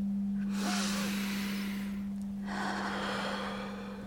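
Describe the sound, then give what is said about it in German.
Two long, deep breaths taken in a calming breathing exercise, a slow inhale followed by a drawn-out exhale, with a steady electrical hum underneath and no talking. “Versuchen, die Dinge wegzuatmen.”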